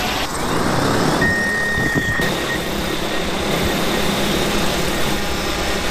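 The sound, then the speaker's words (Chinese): An agricultural seeding drone roars steadily while sowing fields for a rapeseed rotation after the autumn harvest in Ganlin town, Zhejiang province, China; its loud, constant motorized buzz fills the whole clip, with a brief higher whine rising over it early on. “秋收之后，甘霖镇的承包大户丁建第一时间利用无人机播种，准备轮作油菜。”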